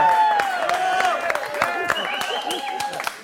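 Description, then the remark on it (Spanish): Audience applause at a cabaret show, with steady, dense clapping throughout, mixed with raised voices and cheering from the crowd, fairly loud and sustained for a few seconds. “un aplauso.”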